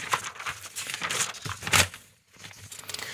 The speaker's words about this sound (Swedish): Då bläddrar jag lite. Det är inte så långt att bläddra heller.